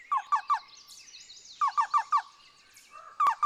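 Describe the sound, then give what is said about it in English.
A black-billed cuckoo calls in quick runs of three or four hollow, rhythmic notes, repeated in a clear series, with faint higher bird chatter in the background. “The black-billed cuckoo is a more northerly species, living in dense woodland, even conifer forests.”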